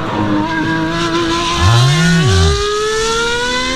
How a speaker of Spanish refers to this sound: Me levanté a ver si estaba el auto prendido. El auto, sí, tuyo está, sí, aquí. Es el mismo ruido.